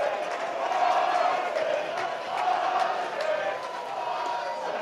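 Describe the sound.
A large baseball crowd at a West Virginia regional game lets out a collective groaning "ooh" at a swing and a miss against pitcher Ira Austin, a loud, sustained wash of voices that swells twice and then settles back into steady murmuring.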